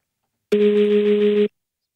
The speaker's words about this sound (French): C'est quand votre téléphone vibre, mais qu'il est sur une surface.